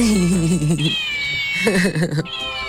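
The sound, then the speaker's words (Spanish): A cat meows twice in drawn-out, wavering cries, loud, with a faint steady high tone lingering in the background between them. “Pero ustedes lo que quieren es el gato volador.”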